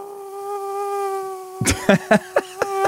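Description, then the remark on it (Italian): A man imitates a mosquito live with a steady, nasal, high-pitched buzz held for about three seconds, clear, while several sharp bursts break in near the end. “lui fa anche il DJ, però nelle serate per bambini fa anche la zanzara.”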